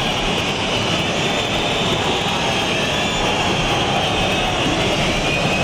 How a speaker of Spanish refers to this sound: Pues a lo lejos se escuchan los aplausos de los pocos aficionados del Real Madrid, pero se escucha obviamente más la silbatina.